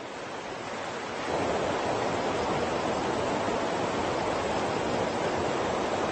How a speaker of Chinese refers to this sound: 鱼儿为了繁衍后代，必须逆流而上，越过这道瀑布。